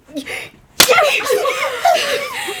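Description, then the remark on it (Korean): A single sharp slap of a mother's hand against her child's cheek cracks out after a brief pause, followed at once by a loud, strained voice crying or shouting. “거기에 끌려 엉거주춤 일어섰고 엄마는 고함을 지르며 내 뺨을 때리기 시작했다.”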